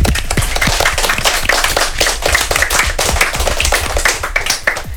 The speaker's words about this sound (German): Ein Applaus für denen.